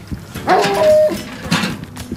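A large dog lets out a couple of short barks mixed with a drawn-out, high whimpering whine, moderately loud, with no one talking.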